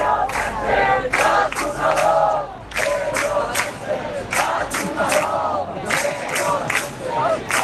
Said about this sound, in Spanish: El riesgo de ir a Barcelona a hacerse la foto con la promoción de vivienda pública de alquiler asequible y querer sacar tajada electoral del decreto Mari Carmen es que a lo mejor no todo el mundo está de acuerdo. Fuera, todo han sido abucheos.